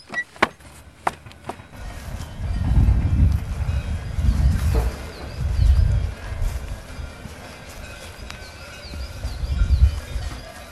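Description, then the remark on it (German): Cowbells on cows clank and knock irregularly outdoors on the Ritten as the cows shift about, with a few sharp metallic strikes early on over a low, rumbling background and no one speaking. “Die Kühe und die Kuhglocken zeigen es uns schon an.”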